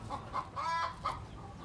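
Chickens cluck in a quick series of short, clipped calls, with one longer, drawn-out cluck in the middle, over a faint, steady farmyard background with no talking.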